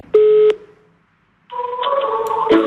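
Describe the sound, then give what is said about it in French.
A loud telephone keypad tone beeps once, then after a short silence a longer, buzzier run of dialing tones follows with a couple of sharp clicks near the end, with no talking, as a young woman in civic service phones elderly people for a senior information office. “elle passe des coups de fil dans le cadre d'un contrat en service civique”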